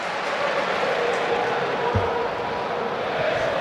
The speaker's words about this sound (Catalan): Aplaudiments al Bernabéu.